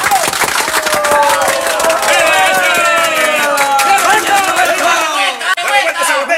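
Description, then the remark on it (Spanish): A crowd at a singer's home, where artists of the new rocolera generation gathered to honour his 50 years of singing, applauds steadily with dense, rapid clapping, while voices cheer and call out over it; the applause stays loud throughout and thins slightly near the end. “¡Venga ese aplauso!”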